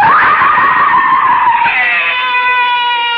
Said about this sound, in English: Why am I screaming? It's just a dream. I'll stop screaming.